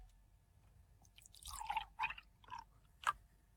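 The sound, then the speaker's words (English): A few wet, squishy plops and drips of liquid, either milk or water, spilled out of a bottle, irregular and fairly soft, ending with one sharper splash against a quiet background. “revealing what liquid you just poured into that”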